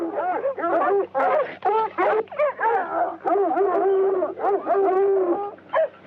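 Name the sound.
dog barking and whimpering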